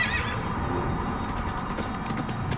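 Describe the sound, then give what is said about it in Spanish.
A horse whinnies as a rider mounts it, then hooves clop in a steady, rapid rhythm as it gallops away, over a dense, noisy background. Nobody speaks. “No recuerdo mirar atrás, pero sí el calor sofocante que me persiguió hasta que monté en el caballo y la brisa me azotó la cara.”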